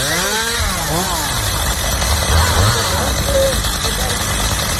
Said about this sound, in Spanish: Son las motosierras del Infoca en Minas de Río Tinto.